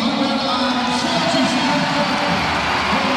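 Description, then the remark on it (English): A stadium crowd of about 10,334 at a women's football match between Ireland and Kazakhstan roars steadily, a dense wash of many voices cheering and shouting that stays loud and continuous throughout, with no single speaker standing out. “They made plenty of noise here. It's a good crowd when you consider that Ireland were 8-0 up from the first leg.”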